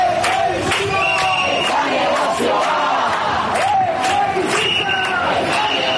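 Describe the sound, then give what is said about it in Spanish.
A crowd of protesters trying to block a road to stop an eviction, answering a tenants' union's call, shouts a slogan in loud, rhythmic unison, voices rising and falling in repeated chanted bursts that stay strong throughout. “Al grito que escuchamos de Chebisitza es da negozioa, intentando cortar la carretera, los manifestantes respondían a la llamada del sindicato de inquilinas para tratar de impedir sin éxito el desahucio de”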